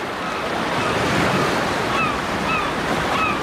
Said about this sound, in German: Plötzlich hörte ich entfernte Wellen und Möwen.